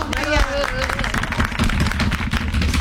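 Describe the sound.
A burst of applause from a crowd, dense rapid clapping that keeps up steadily for a few seconds, with a voice briefly audible over it at the start.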